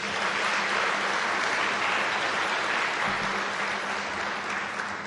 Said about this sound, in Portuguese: Mais uma vez, uma grande salva de palmas.